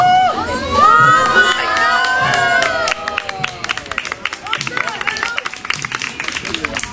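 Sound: audience applause and cheering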